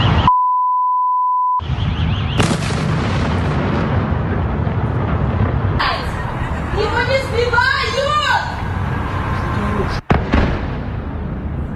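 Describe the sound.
Several heavy explosions boom and rumble over loud, rushing background noise during a missile attack on Ukraine's capital, with a sharp blast near the end. A short electronic beep sounds at the start, and agitated voices can be heard.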